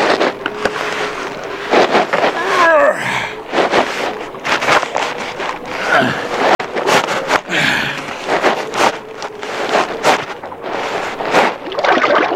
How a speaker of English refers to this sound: Well, let's do her. Help me slide this raft into the water.